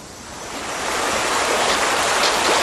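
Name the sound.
shallow river water flowing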